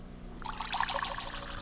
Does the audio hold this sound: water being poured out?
yes